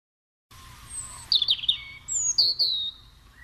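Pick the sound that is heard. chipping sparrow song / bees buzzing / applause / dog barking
chipping sparrow song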